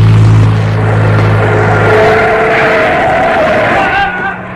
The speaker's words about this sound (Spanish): ¡Y de pronto! Vieron que un auto con los faros apagados se aproxima vertiginosamente hacia el capitán. ¡Cuidado! ¡Lo va a atropellar!